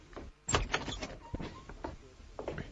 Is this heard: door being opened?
yes